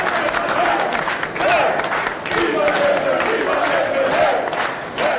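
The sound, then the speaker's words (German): Labour Party delegates cheer and chant pro-Labour slogans together at Malta's vote-counting centre in Nashar as the first partial election results are announced, voices rising and falling in sustained rhythmic waves with scattered clapping, loud throughout. “Jubel in Maltas Auszählungszentrum in Nashar, als die ersten Teilergebnisse bekannt gegeben werden.”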